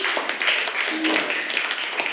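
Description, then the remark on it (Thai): A class of students clapping together for the fourth student group, a steady, dense patter of many hands that holds at an even loudness for about two seconds, with a faint murmur of voices underneath. “ปรบมือให้กับกลุ่มที่4ด้วยค่ะ”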